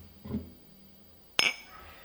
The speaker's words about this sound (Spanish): se empieza con un brindis.